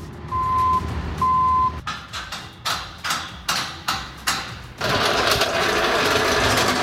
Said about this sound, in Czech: Libereckým areálem Vesec zní zvuky stavby.